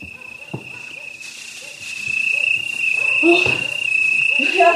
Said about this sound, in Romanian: Atâta e frumoasă înserarea. Ia-uzi greierii.